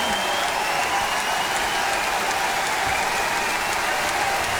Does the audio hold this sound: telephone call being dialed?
no